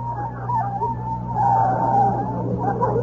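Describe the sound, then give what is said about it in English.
A car skids to a stop at a parking space in front of CBS studios, its tires letting out a long, wavering squeal over a steady low engine rumble for about three seconds. It is fairly loud, with no one talking. “All right, I'll stop the car.”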